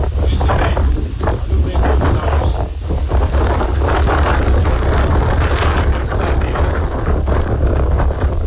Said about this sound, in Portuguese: Está ventando no litoral de São Paulo. Escuta só o áudio que o nosso ouvinte mandou aqui da ventania lá em Santos.